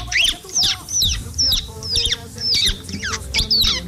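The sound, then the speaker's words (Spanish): A person imitates a chick's peeping with about eight shrill, high-pitched peeps in a steady, quick rhythm, fairly loud, with no talking. “mi talento es, o sea, mi lado oculto de imitar un pollito.”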